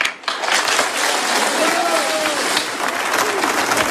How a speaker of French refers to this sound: acclamés par la foule tout à l'heure en préambule de cet hommage populaire à Charlie à Concarneau.